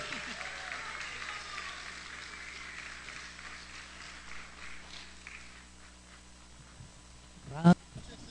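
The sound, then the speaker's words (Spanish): An audience at the Festival de la Canción applauds a singer from Mexico with a dense, steady patter of clapping that gradually thins and fades, followed by a brief sharp thump near the end. “Que se escuche ese aplauso, por favor, con ánimo.”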